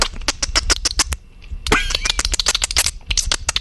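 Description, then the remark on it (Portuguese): A voice imitates dolphin sounds: rapid bursts of sharp mouth clicks, a brief pause, then a high squeaky whistle before the clicking resumes in a quick rattling rhythm. “Aí ele tá fazendo o barulho do golfinho com a boca, gente.”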